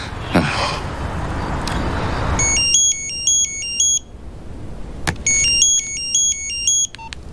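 A public telephone, its buttons pressed hard, rings with a warbling electronic trill in two separate bursts, clear, following a few seconds of noisy street or traffic rumble. Nobody speaks.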